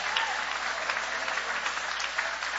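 An audience in Rio claps steadily for Jesus while welcoming the pastor, a dense wash of many hands with no breaks, fairly loud throughout, and no voices standing out above it.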